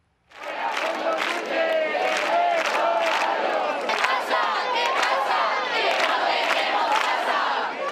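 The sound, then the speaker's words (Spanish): Dozens of activists who spent the night protesting Spain's housing crisis in Madrid's Puerta del Sol chant loudly and continuously, many voices blending into a dense, rhythmic roar with repeated shouted phrases rising and falling over eight seconds. “Y decenas de activistas pasaron la noche en la emblemática Puerta del Sol de Madrid, protestando por la crisis de vivienda que afecta a toda España.”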